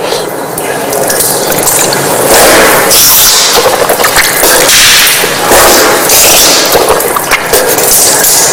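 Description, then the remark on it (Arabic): Loud running water from a tap opened only a little, with wet splashing and slurping as a single palmful taken in the right hand is drawn into the mouth and nose for rinsing, then blown out with the left hand, continuing steadily for several seconds without talk. “تمضمضت يعني الماء لما أخذته بيدي شيء دخل إلى الفم وشيء دخل إلى الأنف، ثم نثرت بيدي اليسرى.”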